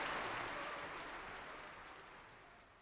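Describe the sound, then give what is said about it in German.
A crowd applauds Matti steadily, a dense wash of clapping from many hands that fades gradually over a few seconds, with no voices heard. “Hören Sie doch. Er hat einen Beifall, als wäre er Grog.”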